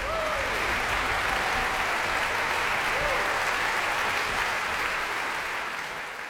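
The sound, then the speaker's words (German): Sustained applause from a large concert audience for the Czech Philharmonic and conductor Dalia Staševská after Dvořák's Symphony No. 8 at the Max-Littmann-Saal, Bad Kissingen, at the Kissinger Sommer festival. A dense, steady clatter of clapping fills the hall, with faint whistles or cheers rising briefly above it before it slowly begins to fade. “Großer Applaus in Bad Kissingen für die Tschechische Philharmonie.”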